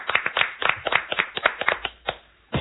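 A short burst of applause from a small group, quick, uneven hand claps up close that thin out toward the end, pause briefly, then pick up again.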